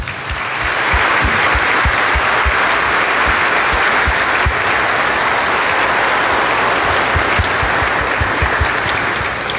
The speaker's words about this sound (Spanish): Vamos a darles también un fuerte aplauso.